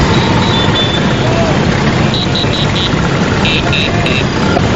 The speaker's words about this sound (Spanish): La icónica scooter italiana, que fue creada en 1946, bueno, 10.000 Vespas y 25.000 fans de esta motocicleta procedentes de 67 países se han reunido en Roma para recorrer sus calles.